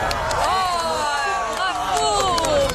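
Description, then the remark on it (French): A large outdoor crowd in France applauds and cheers the 1999 total solar eclipse, with steady clapping beneath a dense babble of excited voices and shouts, loud and continuous throughout. “Oui, on peut applaudir une éclipse.”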